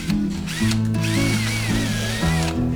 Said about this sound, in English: the lids are ready here, and then the hinges are here. You can fit in like that. See that far outside edge? Line it up with this part and then pre-drill the holes.